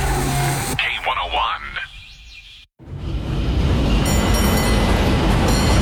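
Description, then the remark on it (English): A San Francisco cable car rumbles along its rails with high metallic squeals early on. After a brief break, a steady rolling clatter returns, topped by a bright ringing tone near the end. “Hear that? That's San Francisco calling. Hop the cable car”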